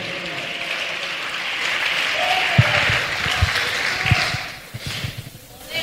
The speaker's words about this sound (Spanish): Dele ese aplauso a Jesús si le queda mano todavía.